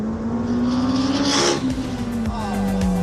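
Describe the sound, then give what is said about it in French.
A rally car engine revs loudly and steadily, its pitch climbing then dropping, with a few sharp cracks as the gears shift near the end. “Ah, comme ça claque les rapports.”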